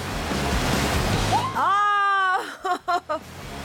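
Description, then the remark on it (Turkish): A steady, broad rush of breaking ocean waves about 1.5 metres high fills the first half, then a drawn-out rising voice cuts in over the fading surf, followed by three short vocal bursts. “Ve 1,5 metrelik dalgalar için sörf tahtanızı da getirin.”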